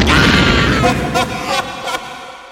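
A loud explosion bursts out at once, then rolls into a rumbling, crackling tail with a few sharper flare-ups before slowly fading.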